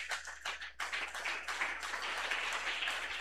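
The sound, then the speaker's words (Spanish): Sustained applause for Christ at the close of the radio program La Voz de Salvación, a dense, continuous patter of many hands clapping at steady loudness, with a brief dip early on before it swells again. “¡Aplauso contento para Cristo!”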